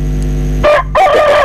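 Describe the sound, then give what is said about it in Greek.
A rooster crows loudly, two bright strained bursts with a short break between them, over a low steady hum in the background. “Άκουτε. Άκουτε για δύο φίλους ότι εγώ δεν κουρδίζω κοκόρια.”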